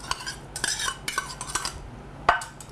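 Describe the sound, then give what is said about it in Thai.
A knife finely chops boiled egg on a cutting board for an egg sandwich, in a handful of irregular, sharp knocks with light metallic clinks between them, the last strike the loudest, and no voices. “ค่ะก็ไข่ต้มนี่ค่ะไข่ต้มสับเล็กๆละเอียดนะคะใช้มีดสับไป ไข่ต้มนำมาสับเป็นชิ้นๆเล็กๆนะครับ”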